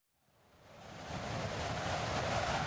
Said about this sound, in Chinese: 正是一个大风天，狂风吹沙，漫天昏黄。